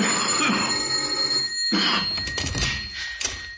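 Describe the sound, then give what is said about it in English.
A doorbell, rung by a caller at a house reached by a mock drawbridge over a moat, rings with a bright, metallic, continuous trill lasting several seconds, steady and fairly loud, with no voices over it. “He rang the doorbell.”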